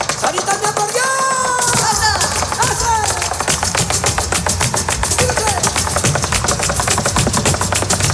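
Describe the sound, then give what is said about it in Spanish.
Rapid, evenly spaced heel strikes of flamenco taconeo footwork by Sara Varas rattle out in a sharp, loud percussive stream, preceded by a few seconds of gliding, wavering melodic tones. “Segundo ejemplo, el taconeo de Sara Varas.”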